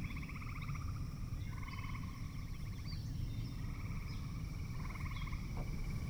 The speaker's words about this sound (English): Night has fallen now, and the soundscape is now dominated by frogs.